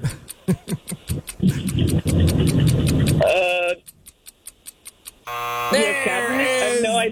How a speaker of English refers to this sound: Buzzer.